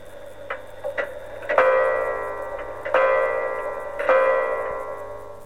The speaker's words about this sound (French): La petite aiguille se plaça sur le 3. Et l'horloge sonna 3 coups.